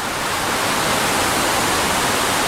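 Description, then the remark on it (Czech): A dense, steady roar of rushing water from the Great Falls and rapids of the Potomac River, about 30 kilometres from central Washington, filling every register evenly with no pauses and no voices. “Tady jsou velké vodopády Potomacu.”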